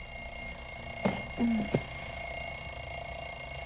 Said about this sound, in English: In bed, Maya stares at her alarm clock. She groggily taps the top.